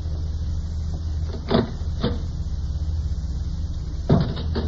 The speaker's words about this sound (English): We'll see who it is. Just open that door a crack.